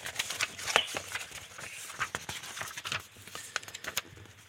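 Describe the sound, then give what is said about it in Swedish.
Quick papery flicks and soft rustles as cards in a binder are thumbed through one after another to find card number 14, fairly quiet, with no one talking. “Jag ska bläddra fram den åt dig.”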